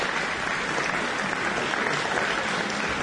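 Sustained applause from a concert audience after a recital by Sergei Malov and Helen Webby at the 2024 Adam Chamber Music Festival, a dense, steady patter of many hands clapping at even loudness throughout, with no pauses or voices standing out.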